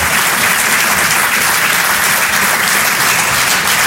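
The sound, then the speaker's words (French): A large audience at a live comedy show claps loudly and steadily for the comedian La Bajon, a dense, continuous wash of hands that fills the whole space without any break or voices standing out. “On peut l'applaudir très très fort, elle aussi.”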